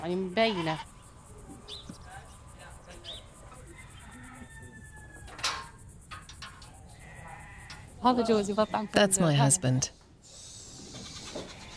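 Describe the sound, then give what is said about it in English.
Sheep bleat in a stall as a man feeds them, loud cries at the start and a burst of overlapping bleats later, with a quieter insect-like hum between and a woman's voice speaking briefly. “He's feeding the animals. We have to feed them in the stall because of the settler attacks.”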